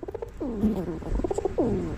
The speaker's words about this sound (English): More, that sounds more like a pigeon, but there's another. You played the second part of their call. Part of it sounds like that. The females sound like that when they're mating.